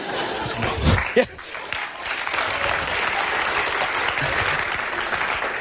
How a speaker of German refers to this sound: Nehmt den Applaus zurück.